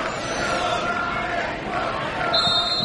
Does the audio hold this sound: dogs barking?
no